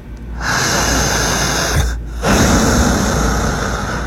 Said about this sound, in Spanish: ¿Cómo es la respiración correcta? Así.